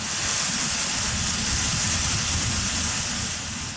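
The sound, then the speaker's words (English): A geyser erupts at sunrise, its tower of water reaching into the sky, with a loud, steady roar of rushing steam and spraying water, a dense hiss over a churning low rumble that holds constant for several seconds without any voices. “the tower of water reaches into the sky, then catches the first rays of the rising sun.”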